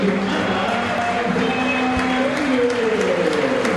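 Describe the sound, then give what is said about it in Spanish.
A large stadium crowd in cold weather gives scattered, modest applause for the players as they are named, blending into a steady roar of crowd noise, continuous for a few seconds with no voices standing out. “Hace frío y aplaudieron poco.”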